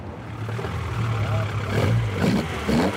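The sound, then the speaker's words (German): The engine of a 1973 Opel Ascona A, a replica of the rally car Walter Röhrl and Jochen Berger drove in the European and World Rally Championships, runs with a deep, steady low rumble, swelling slightly as it's revved a couple of times, at the vintage petrol station in Rothenburgsort, with no talking. “Das ist ein Opel Ascona A aus dem Baujahr 73, so wie ihn damals Walter Röhrl und Jochen Berger in der Rallye-Europameisterschaft und auch Weltmeisterschaft gefahren haben.”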